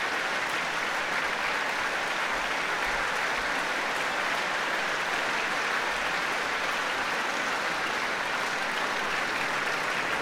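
Sustained applause from a large concert audience in Rotterdam as all the string players of Lavsani stand to receive it, a dense, even wash of clapping that holds steady for about ten seconds with no voices rising above it.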